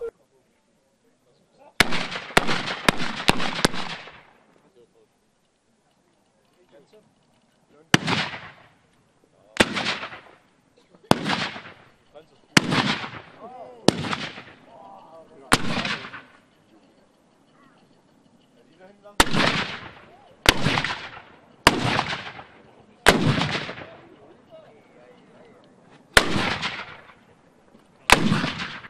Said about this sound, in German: Über 50 Kanonen wurden präsentiert. Die gesamte Vorführung dauerte eine Stunde und war verbunden mit gewaltigen Schussgeräuschen. Und ganz in der Nähe der Kanonen verspürte der Körper ein leichtes Vibrieren.